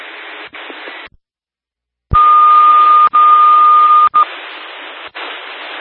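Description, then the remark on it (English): Dispatch radio alert tone before an A50 notification of a medical call in South Bay Township: a single steady, piercing beep holds for about two seconds over hissing, band-limited radio static, after a brief dead-air dropout. No one speaks. “A50 notification, new to 870, E1, 1205 Oak Ridge Road, South Bay Township, 79 female, difficulty breathing, COPD patient, at 1320.”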